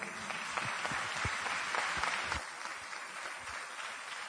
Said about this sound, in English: I wasn't expecting claps for non-attachment, to be honest. So the audience, we are misreading our audience, I suppose.